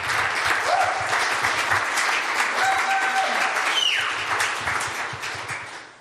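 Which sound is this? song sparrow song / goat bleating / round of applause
round of applause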